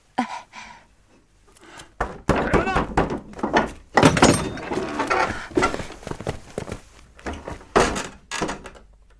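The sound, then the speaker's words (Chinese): A house door latch clunks and the door swings open late at night with a few sharp knocks and thuds, as people talk over and around the noise. “没事，开门去吧。”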